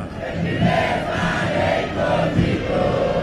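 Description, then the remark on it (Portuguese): A large crowd of Internacional (colorado) football fans chants together at the Arena Condá during a match against Chapecoense, a loud, steady roar of many voices with a rising and falling sung melody and no pause. “Vibra e canta o torcedor colorado na Arena Condá.”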